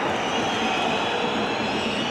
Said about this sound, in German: Pfiff in Wolfsburg. Und die gehen gegen die eigene Mannschaft am Stand von 1:1. Beachtlich, muss ich sagen. Wir sind in der 39. Minute und die Wolfsburger Fans, einige von ihnen, sind sehr ungeduldig.